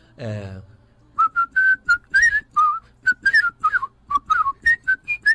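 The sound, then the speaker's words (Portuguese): After a brief spoken sound, a person whistles a quick, birdlike run of about twenty short, clear notes, some bending and warbling into little trills, in a lively, fairly steady rhythm. “Pô, eu tô assoviando, eu sou fluminense, pô.”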